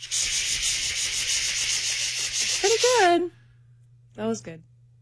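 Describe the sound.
A voice imitates a cicada with a loud, raspy, high-pitched buzz that pulses rapidly for about three seconds, trails off into wavering voiced tones, then a brief vocal sound follows.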